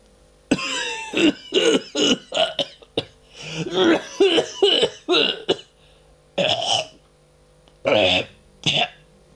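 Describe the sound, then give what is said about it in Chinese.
A father coughs and hacks repeatedly late at night in a bedroom, clearing and spitting phlegm from his throat in a rapid cluster of harsh bursts, then a few separate coughs after short pauses. “很晚了，还听父亲在屋里咳嗽吐痰。”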